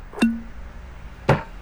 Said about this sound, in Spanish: Un buen ron primero se destapa